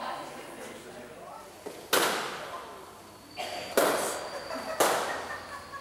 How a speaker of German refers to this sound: weiß noch nicht so recht, was er von der Knallerei halten soll.